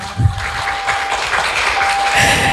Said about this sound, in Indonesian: Tepuk tangannya dong.